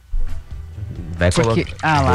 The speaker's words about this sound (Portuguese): Hoje pode. Hoje é sexta-feira, latinha de água tônica para todo mundo.